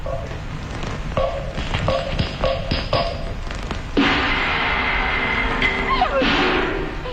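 Several fairly loud knocks on a door in a quick, uneven series by someone demanding that the door be opened, followed by a wash of steady background noise.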